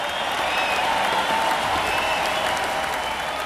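Inside the massive arena The Summit in Houston in the mid-1980s, a large crowd applauds and cheers continuously, a dense roar of clapping and shouts at steady volume throughout, with a few higher whistles or cries rising above the wash.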